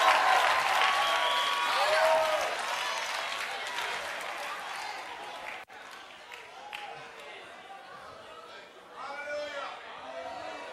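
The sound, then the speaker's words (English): An audience claps and shouts together, a dense, sustained wash of applause with excited voices rising through it, loudest early and then settling into steady cheering and scattered shouts. “Clap your hands, all your people. Shout!”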